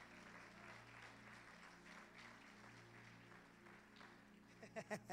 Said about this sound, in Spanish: Denle un aplauso a Dios por Pedro.